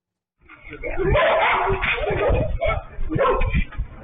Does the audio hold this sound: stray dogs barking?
yes